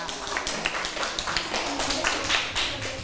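classroom clapping

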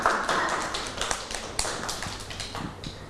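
clapping hands

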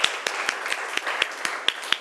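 classroom applause

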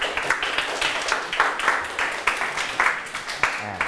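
students clapping

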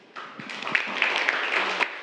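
classroom applause

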